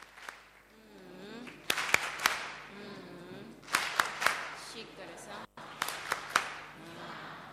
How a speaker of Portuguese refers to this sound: Muito obrigada, Companhia Nacional de Música. Palmas carinhosas para os nossos meninos.